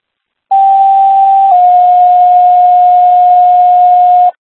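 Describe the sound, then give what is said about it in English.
Waterville fire dispatch second alert tones for a motor vehicle rollover at Route 20 and Route 12: a loud, steady pure tone holds for about a second, then shifts to a slightly lower pitch held for roughly three more seconds before cutting off. No voices. “Waterville second tones MVA rollover, Route 20, Route 12.”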